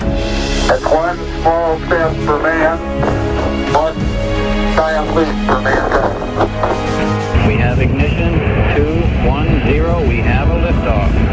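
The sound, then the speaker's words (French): A voice talks over a steady background, then a loud, dense rocket engine roar breaks in and rumbles continuously, with talking still faintly audible over it. “Ça y est, la flamme rouge, les jets extraordinaires, elles peuvent d'un rugissement colossal. Nous on dirait un volcan qui explose”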